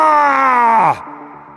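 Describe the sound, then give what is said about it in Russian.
As a century of soldiers runs trying to keep formation, a voice lets out a single loud war cry, "Barra!", imitating an enraged elephant's trumpet. It is a strained, drawn-out wail that slides downward in pitch for about a second, then drops to a quieter tail. “Ревущая центурия бежит, пытаясь держать строй. Крик разъяренного слона. Барра! В нашем исполнении больше похож на вопль перепуганного слоненка.”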